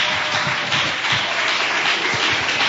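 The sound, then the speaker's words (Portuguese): A church audience applauds to welcome a preacher, a dense, sustained wash of many hands clapping at once, fairly loud, with no voices heard. “Vou receber o servo do Senhor com palmas.”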